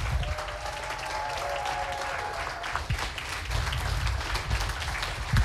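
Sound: audience applause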